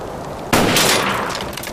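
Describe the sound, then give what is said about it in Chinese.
A single loud gunshot, fired to shoot down a loudspeaker, bursts out after a brief quiet stretch, its sharp crack followed by a long, rumbling tail that slowly fades. No one speaks. “我这一枪得值10个大洋吧。”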